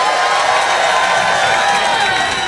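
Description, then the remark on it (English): A live audience cheers and applauds loudly and without a break as band members on bass, saxophone and percussion are introduced at a live music set on Rinse FM, London; a dense wash of clapping and whooping voices with no clear individual words. “Aren't we blessed? Give it up to … on bass.”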